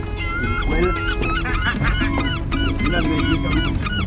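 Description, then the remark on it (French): A crowd of seagulls cries out continuously, harsh overlapping squawks tumbling over one another, loud, with a low rumble of background noise underneath. “Ah, mais vous obéissez, ces goélands, dis donc.”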